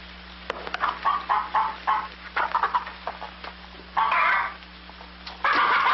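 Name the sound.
chickens clucking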